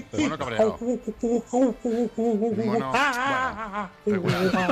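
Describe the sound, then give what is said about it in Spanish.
A person imitates an angry monkey with a rapid run of loud vocal shrieks and chattering hoots, rising and falling in pitch, with short pauses between bursts and a harsh flurry at the end. “Mono cabreado.”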